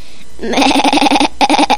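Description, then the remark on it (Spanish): A person mimics a sheep with a loud, wavering bleat, a quavering "baa" that pauses briefly and then resumes for a second stretch. It is part of a game of making the sounds of the ark's animals for another person to guess. “Una cabra. No. Una oveja.”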